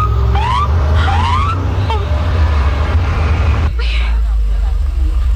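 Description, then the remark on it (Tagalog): A police patrol car gives a few short rising siren whoops over a heavy engine rumble, which drops away abruptly partway through, leaving fainter background noise. “Ang patrol car? Nagapakad to, diri?”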